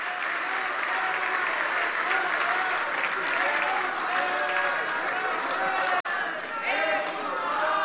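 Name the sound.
audience applause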